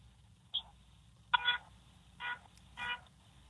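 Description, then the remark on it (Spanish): A van's horn honks in short bursts: one quick beep, then three longer toots spaced roughly evenly, somewhat muffled over a low rumbling background with no talking. “Toca el pito otra vez.”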